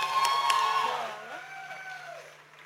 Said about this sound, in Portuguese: Quem não esteve cá hoje à tarde a ver o concerto desta senhora, teve errado. Está bem? Foi um ótimo concerto, uma salva de palmas.